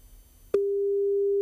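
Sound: telephone call ringing tones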